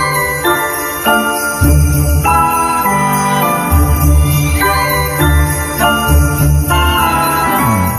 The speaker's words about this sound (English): I hear sleigh bells in the background.